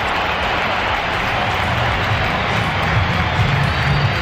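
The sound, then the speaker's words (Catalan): A big stadium crowd at the Bernabéu roars steadily as the Real Madrid players come out onto the pitch, thick with applause and scattered whistles, a loud, continuous wash of noise that holds for the whole stretch without any clear voice rising above it. “escolteu años, el moment en què surten al camp els jugadors del Real Madrid com el rep el Bernabéu.”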